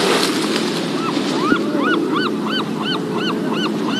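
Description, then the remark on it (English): Steady wash of ocean waves breaking on the shore in San Francisco, a constant rushing roar, while a flock of geese honks repeatedly over it in quick, regular calls. “Now, from the Castro, we're going to head north all the way until we meet the ocean.”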